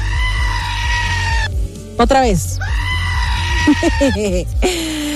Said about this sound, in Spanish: ponme a la cabra gritona